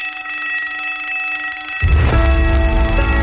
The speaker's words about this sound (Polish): Dzwonek już dzwoni.